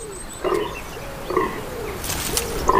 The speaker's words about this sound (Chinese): 周围的雌性天鹿数量不少，雄性天鹿借助叫声和气味来吸引附近的雌性同类。问题在于，这样的行为同时也会引起其他雄性天鹿的注意。